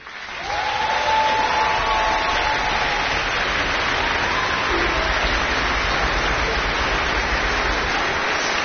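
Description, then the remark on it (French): Sustained applause from an auditorium audience for orchestra musicians at a Viva l'Orchestra concert: a dense, steady roar of many clapping hands that swells in quickly and holds at full strength for several seconds, with faint cheering mixed in. “notre doyen, qui peut aussi se faire applaudir ce soir au violon.”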